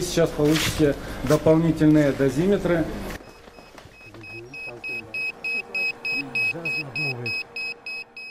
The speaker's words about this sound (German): Als wir näher an den zerstörten Reaktor kommen, schlagen die Dosimeter Alarm. Der Strahlenwert mehr als 700 Mal höher als der Durchschnittswert in Deutschland.